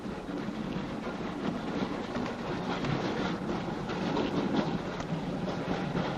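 A steady, dense rumble of a train rolling along the rails, continuous and fairly loud throughout, with a broad hissing roar and no voices.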